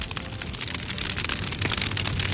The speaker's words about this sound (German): Großes Lagerfeuer zur Sonnenwende und ja, da kommen schon noch ein paar Gedanken an Gewitter und Regen dazu, wie das im Pinzgau heute ablaufen wird und soll.